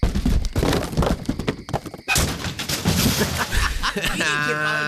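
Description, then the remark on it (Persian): A stolen motorcycle, thrown over the edge, crashes down a rocky slope into a ravine: a dense run of loud clattering bangs and thuds, a brief pause, then more tumbling impacts, ending with a high, wavering tonal wail. “الان می‌نازمش تا این دره له بشه عشق کنید، فقط نگاه کنید چه صدایی بده.”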